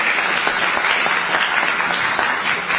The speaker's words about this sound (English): And she deserves a round of applause for a day like today.